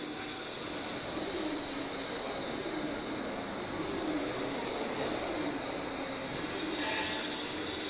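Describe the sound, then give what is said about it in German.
A steady, intense high-pitched hiss of an abrasive water jet, a mixture of water and quartz sand at 4000 bar, cutting through material at 10 cm per minute to trace the logo of the Freiburg Museums, holding an even loudness with faint gritty rattling underneath and no voices. “Geschmeidig und gleichmäßig gleitet der Strahl, ein Wasser-Quarz-Sand-Gemisch, durch das Material.”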